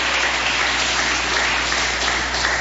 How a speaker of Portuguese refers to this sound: pode se assentar um instantinho, pode glorificar a Jesus com palmas e glória a Deus.